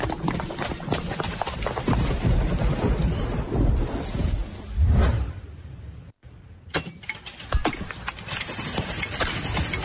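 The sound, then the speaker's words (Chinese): Steady, heavy rain pours down, a dense hiss with scattered patters, while a low rumble of thunder rolls through partway before the downpour carries on. “哎呦，这怕啥就来啥，这说下雨就下雨啊。”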